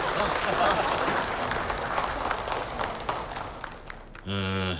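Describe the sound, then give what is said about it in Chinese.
Wedding guests break into steady, dense applause with scattered cheers, welcoming the father of the soon-to-be-wed couple onto the stage to speak, lasting about four seconds before it cuts off and a loud, sustained voice begins. “好，接下来呢，有请我们准新人的父亲上台为我们说两句，掌声有请。”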